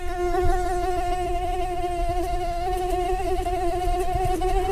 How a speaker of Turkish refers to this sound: İnsana sinir bozucu gelen bu ses la notasında ve aslında erkek sivrisinek için dişiden gelen bir aşk şarkısı.